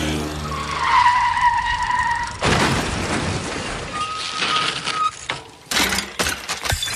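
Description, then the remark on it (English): A loud, drawn-out tire screech from a skidding motorbike, then an abrupt crashing impact as it collides wheel to wheel with a woman on a bicycle, noisy scraping, ending in sharp bursts of breaking glass from the motorbike's mirrors. No one speaks. “bicycle tires from the earth and scoop it up and her on top of itself in an explosion of glass from the motorbike's mirrors.”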